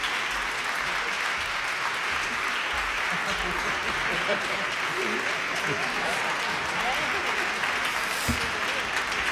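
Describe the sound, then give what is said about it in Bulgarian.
Steady, dense applause from a crowd for a young man, a student at the music academy in Plovdiv, a continuous wash of many hands clapping at an even loudness for several seconds, with faint voices mixed in underneath. “вашите аплодисменти са за него, ето този млад мъж.”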